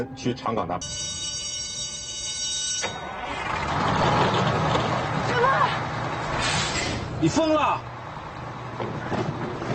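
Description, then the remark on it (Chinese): The engine of the 1:40 coach bound for Changgang rumbles steadily as the vehicle pulls away, with a hissing burst near the start and short beeping tones. Voices talk over the continuous motor noise. “已经发车了，你坐下一班车吧。”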